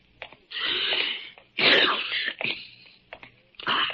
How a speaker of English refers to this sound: Confound it. I do not have a cold. A man can sneeze, can't he?